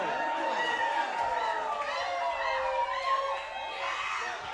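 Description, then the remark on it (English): A large concert crowd screams and cheers continuously, many high voices overlapping into a loud, sustained roar that swells and wavers for several seconds. “go to the bathroom real quick or something, but then keep screaming though.”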